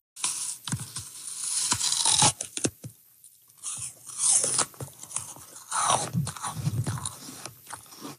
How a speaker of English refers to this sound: That is the distinct sound of someone biting into a crispy, crunchy apple, something that can take apple breeders decades to perfect.